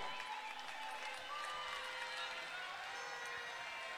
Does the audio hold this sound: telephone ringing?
no